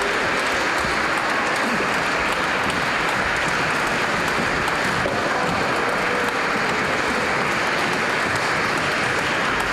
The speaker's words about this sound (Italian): Un ringraziamento con un bel applauso alla scuola corale Gheorghe Dimitrov da Sofia, Bulgaria. Grande armonia, bravissime. Un coro tutto femminile, prolunghiamo l'applauso se lo meritano.